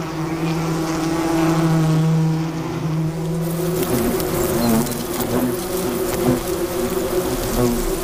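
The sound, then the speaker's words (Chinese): A hunting worker wasp buzzes in a steady, droning hum for several seconds; about halfway through the pitch shifts and the buzz turns rougher and more wavering, with no voices present. “猎的胡蜂通常是工蜂，他们不会自己享用猎物，而是会把猎物带回蜂巢拿去做交易。”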